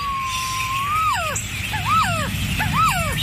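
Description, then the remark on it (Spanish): A resplendent quetzal, Guatemala's national bird, sings: one long, steady mid-pitched whistle, then three slurred whistled notes that swoop up and down. It is fairly loud over a low background rumble, with no talking. “¿Has escuchado alguna vez cantar a nuestra ave nacional? Aquí unos segundos de su canto.”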